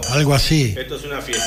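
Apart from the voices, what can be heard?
wine glasses clinking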